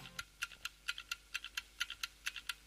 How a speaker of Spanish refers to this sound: Eso parece un caballo en el rodeo. Tiki-tik. Es un relojito, sí, es un reloj, con es una un reloj. Bomba a punto de explotar. Es un reloj.